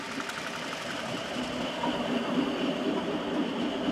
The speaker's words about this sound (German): Dann erst rollt der nächste Zug durch den Bauernhof. Solange kehrt hier Frieden ein.